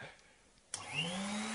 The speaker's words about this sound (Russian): А может, пойдешь в другую комнату, пока я тут буду пылесосить, а?